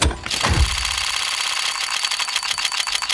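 A loot box case opening in the video game Counter-Strike: a bright whoosh that sweeps downward, then a rapid stream of light ticking clicks over a steady electronic hum, with no voices.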